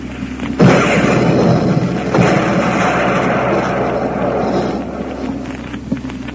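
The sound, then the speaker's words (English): A loud gun blast bursts out and then rolls on as a long, roaring, rumbling noise, with a second, softer thump partway through. Nobody speaks over it. “Quaker Puffed Wheat Sparkies and Quaker Puffed Rice Sparkies are shot from guns.”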